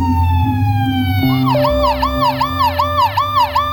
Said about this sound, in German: Schon nach kurzer Zeit hört man die Sirenen der Polizei.